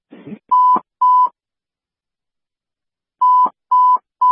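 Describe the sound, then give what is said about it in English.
Radio dispatch alert tones sent to units responding to a crash in East Avon: a brief burst of static, then two loud, steady electronic beeps, a pause of about two seconds, and three more identical beeps. No one speaks. “We have an alarm going out.”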